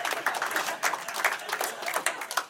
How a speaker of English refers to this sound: Applause break on the diarrhea joke. Classy, Cedar Rapids.